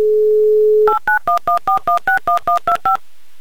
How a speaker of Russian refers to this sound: набрали ее номер. Ждем появления гудков и засекаем 30 секунд. Вот и они.